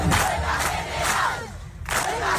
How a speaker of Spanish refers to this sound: Es el sonido de la asamblea, lo escuchábamos en portada, organizada ayer en Las Palmas de Gran Canaria por la plataforma Derecho al Techo.